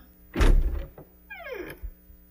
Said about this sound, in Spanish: Hija, tocan la puerta. Sí, ya voy, mamá.